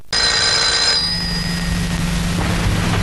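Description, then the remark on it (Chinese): A telephone bell rings once in a loud, shrill metallic burst, an outside-line call for the deputy commander from the People's Liberation Army front headquarters, then its tone fades away over a steady low rumble. No one speaks. “副司令，外线 是哪来的？”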